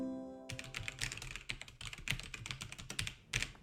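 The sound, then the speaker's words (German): Rapid, uneven clatter of keys on a computer keyboard as someone types to crack a password, fairly loud, a quick run of clicks with brief pauses, alone without voices after a faint tonal hum at the start. “Ich mache mich jetzt auf jeden Fall mal an den Computer. Hier, ich habe meine Tastatur dabei.”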